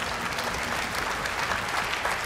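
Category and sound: crowd, audience applause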